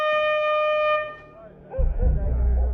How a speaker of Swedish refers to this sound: Och allt tutande.